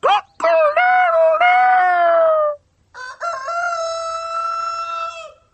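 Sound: rooster crowing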